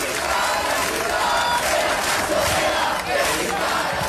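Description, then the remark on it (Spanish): A crowd of protesters from the Sindicato del Habitatge, gathered at a person's door in the morning, shouts and chants together in a loud, continuous roar of overlapping voices, steady for several seconds with no clear individual words standing out. “El sindicato del Habitatge volverá a concentrarse a su puerta en poco más de una semana con mensajes como los que se han escuchado esta mañana.”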